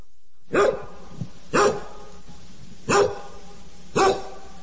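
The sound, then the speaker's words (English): A dog barks four times at a steady, unhurried pace, each bark loud and sharp, with short quiet pauses between them. “Ruff, ruff. Ruff. Do you want to hear a story about dogs?”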